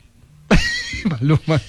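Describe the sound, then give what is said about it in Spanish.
A person's voice imitates a horse whinny: a sudden loud, high, wavering cry followed by a few shorter, bouncing nasal bursts that trail off. “En la caballo también suena súper bien.”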